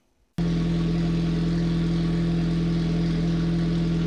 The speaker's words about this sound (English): For the Warner family in Pierce, the roar of an engine isn't just background noise. It's their heartbeat.